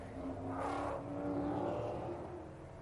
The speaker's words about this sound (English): So the cars coming round on their opening sighting lap and dropping down that very steep run down from the corkscrew. It is the signature corner here.